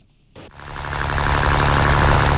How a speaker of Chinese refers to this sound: 早上7点，暖阳轻洒，海面波光粼粼，三亚牙洲中心渔港内马达声响起，